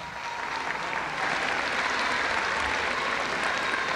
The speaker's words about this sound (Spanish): El aplauso.